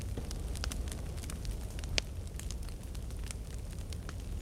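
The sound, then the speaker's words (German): A campfire on NDR Kultur radio crackles steadily, with scattered sharp pops and snaps over a low continuous rumble of burning, one louder pop standing out near the middle. “Wir sitzen hier bei NDR Kultur am Lagerfeuer und hören Volkssongs aus allen möglichen Ecken Europas.”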